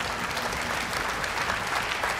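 Steady audience applause for a front-row audience member who correctly named the Rhine, a dense wash of many hands clapping at once, fairly loud and continuous throughout with no voices standing out.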